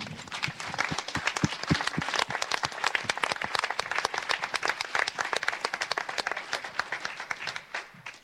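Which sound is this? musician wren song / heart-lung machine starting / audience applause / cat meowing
audience applause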